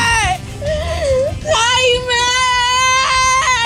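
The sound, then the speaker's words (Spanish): A young child cries in a high, wavering wail, starting with short whimpers and then breaking into a loud, sustained sob that rises and falls for several seconds. “Llora nomás, yo te llora.”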